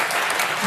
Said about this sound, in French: Et ils applaudissent,